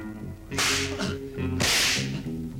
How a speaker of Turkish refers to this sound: Paşam, hala konuşmadılar. Konuşuncaya kadar kırbaçlayın.